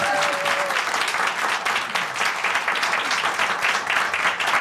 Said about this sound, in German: Und ich möchte einen großen Applaus von unserem Präsenzpublikum einfordern, weil du hattest gerade die Doktorverteidigung